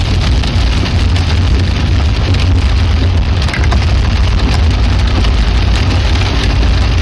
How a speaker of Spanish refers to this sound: Se escucha mal la lluvia, sí, qué raro eso, ¿no?